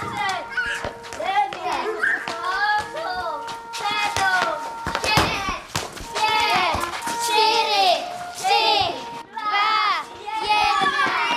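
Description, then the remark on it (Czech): A crowd of children at a hunting camp in Krhová, Vsetín region, Czech Republic, gather from all corners of the hunting lodge for roll call, chattering and calling out over one another, their high voices overlapping continuously, with occasional claps and taps, lively throughout. “Děti se teď zbíhají ze všech koutů myslivecké chaty, protože mají nástup.”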